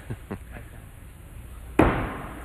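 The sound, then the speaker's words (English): In a knife-throwing match, a thrown knife strikes another knife in the target with a single sharp, loud metallic clack that knocks it downward, rings briefly and fades, after a few faint soft taps earlier on. “You saw when that other one collided, it knocked it downward.”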